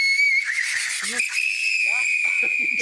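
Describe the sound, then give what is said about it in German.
A tea kettle whistles with a steady, piercing high tone that jumps slightly higher partway through and holds. Liquid nitrogen at minus 196 degrees, poured into the much warmer kettle, boils wildly into gas and builds pressure. A person talks in short bursts underneath. “Also, sehr eindeutig, der flüssige Stickstoff wird hier drin ganz gewaltig gasförmig.”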